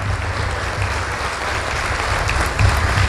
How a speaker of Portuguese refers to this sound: Vamos aplaudir mais, vamos aplaudir mais.